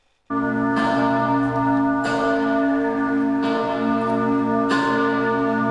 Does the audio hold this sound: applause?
no